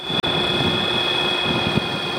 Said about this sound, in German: Uwe Nordmanns Flugzeug hört man kaum, denn es wird von einem Elektromotor mit Akku angetrieben. Und er hat es damit von Bayern bis an den Polarkreis geschafft.